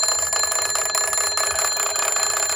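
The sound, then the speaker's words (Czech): An old bakelite crank field telephone of the kind used by soldiers rings at the other end of an exhibition after another phone's crank is turned, with a loud, harsh metallic bell clatter, a rapid steady trill of bright high tones that carries unbroken for a few seconds with no talking. “Ten na druhé konci expozice již zvoní.”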